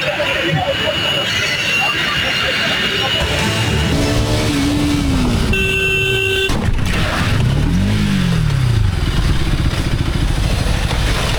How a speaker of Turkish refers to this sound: Daha bir gün önce kaza yapmış, motosikletini otoparktan alıp yola çıkmıştı. 22 yaşındaki genç bu kez de Eskişehir'de sinyal vermeden sağa dönüş yapan araca çarptı.